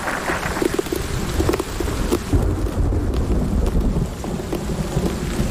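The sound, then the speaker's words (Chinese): A heavy hailstorm lasting only a few minutes pelts down in a dense, steady roar of sharp impacts, with deep rolling thunder rumbling underneath throughout. No voices. “还好，这场冰雹只持续了短短几分钟。”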